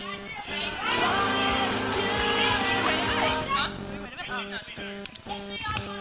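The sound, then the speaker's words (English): An audience claps and cheers for the performing kids' bands in a loud, sustained burst with whoops and shouts, then the noise thins out as a voice starts talking over scattered cheers. “Can we please give them another round of applause?”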